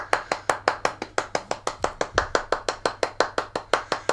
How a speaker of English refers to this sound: Is that's almost turning into a sarcastic clap? No, that was lovely.